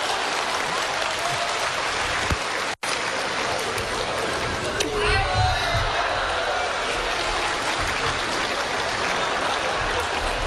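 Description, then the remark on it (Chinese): A steady wash of audience clapping fills the whole stretch at an even, fairly loud level, with a brief dropout partway through and some murmuring mixed in. “你们也不鼓掌，你这怎么亲？”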